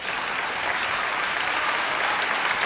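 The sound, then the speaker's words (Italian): Steady, dense applause from an audience for a participant who joined the host on stage, many hands clapping at once at an even, sustained level with no pauses or voices breaking through. “Facciamogli un applauso, sei stato grandissimo.”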